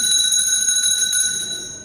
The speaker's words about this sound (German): Es läutet. Ja, ich weiß.